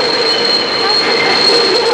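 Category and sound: vehicle, train arriving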